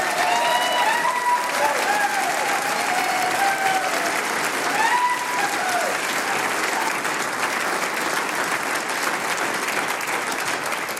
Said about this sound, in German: liebe Damen und Herren da im Saal, ich würde sagen, wir gratulieren dieser Gruppe einmal mit einem ganz, ganz besonderen Applaus.